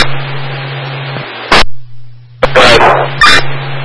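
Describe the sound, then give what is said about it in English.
A couple of dogs at an encampment bark in a few sharp bursts over a steady low hum: one short bark, then a longer rough run of barks, then another brief burst. “In the encampment, there's a male sleeping with a couple of dogs.”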